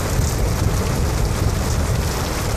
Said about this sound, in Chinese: 你说下了这么大雨，你也非得跑过来，你看你这都湿了。